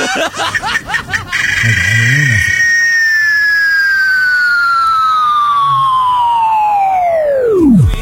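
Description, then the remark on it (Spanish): A cicada sings: a quick burst of rapid pulses, then a loud, steady high-pitched whine that slowly slides downward in pitch before dropping off sharply at the end. A brief voice sounds early on. “Sí, y quiere escuchar algo de las cigarras y nosotros le vamos a decir sí.”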